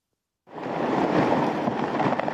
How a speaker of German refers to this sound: In einer übergroßen Petrischale schwimmt ein Stück Eis. Das Wasser in der Schale wird erschüttert vom Geräusch brechender Eisblöcke am Gletscher.